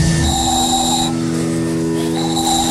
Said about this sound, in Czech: a se toho vyrobí taková píšťalka.